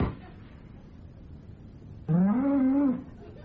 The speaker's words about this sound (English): And now, before the rain starts, I declare this running of the cows open!